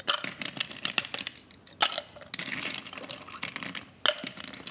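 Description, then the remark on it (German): A rapid series of hard clinks and clatters as ice cubes drop into a metal cocktail shaker for a mocktail, bright sharp hits clustering in bursts with short pauses between, fairly loud, no voices. “Und jetzt brauchen wir etwas Eis für unseren Mocktail zum Shaken.”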